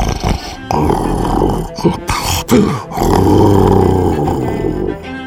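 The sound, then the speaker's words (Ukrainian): Loud, menacing mock "spy's snoring" rumbles low and gravelly, swelling and dropping in uneven waves with a couple of brief breaks, then settling into a long, steady growling drone. “Шпигунське хропіння грізно гуло, здіймалося вгору, спадало вниз, переходило в мурмотіння.”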